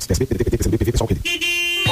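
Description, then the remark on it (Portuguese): A person talks briefly, then a car horn sounds one steady, sustained blast, loud, holding for most of a second before cutting off. “Na buzina que eu tô ouvindo a onda!”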